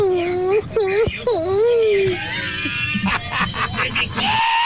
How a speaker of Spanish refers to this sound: Ah. ¿Cómo fue ese gritito al final?